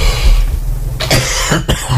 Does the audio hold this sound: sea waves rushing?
no